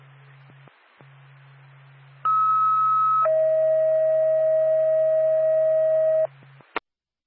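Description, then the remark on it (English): Two-tone dispatch alert: a loud, steady high tone for about a second, then a longer, lower tone for about three seconds, over a faint radio hum and ending in a click. The tones are sent by NORPAC dispatch to Whitefield Ambulance before a call. “NORPAC to Whitefield Ambulance, standby for tone.”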